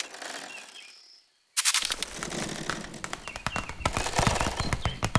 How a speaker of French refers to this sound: Ce que j'entends là est, je crois, le bruissement d'une toute petite bestiole, discrète, active, infiniment légère. Une araignée.